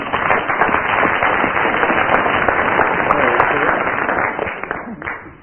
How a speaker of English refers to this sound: Oh, incidentally, Willie has now done the Rubik's Cube. Yes. Round of applause for Willie.